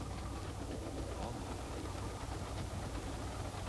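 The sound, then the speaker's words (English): A steady, rumbling passenger train ride on rails, with a constant low drone and a broad hiss that continue evenly throughout, heard at a moderate, muffled level. “Did somebody want to get off this train?”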